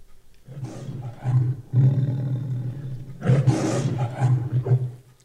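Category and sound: animal, big cat roaring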